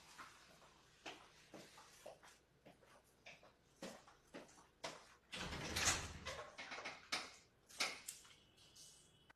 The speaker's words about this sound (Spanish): Vamos a ver, va a llegar un invitado en este momento. Voy a abrir la puerta para que lo tengamos con nosotros.